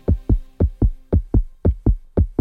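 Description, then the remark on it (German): A steady, loud heartbeat sound effect thumps in regular paired beats, about nine deep low pulses in quick succession, prominent with no voices over it, played on the Hamburg radio station NDR 90,3. “Hör mal dieses Herzklopfen.”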